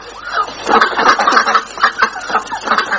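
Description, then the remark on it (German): Several ducks quack in a steady, overlapping chatter of short nasal calls, fairly loud, continuing for a few seconds with no voices. “Die Enten haben es gut. Die können machen, was sie wollen.”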